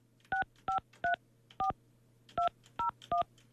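Eight short touch-tone telephone beeps as a number is dialed, in an uneven rhythm with a brief pause midway, over a faint low hum and no talking.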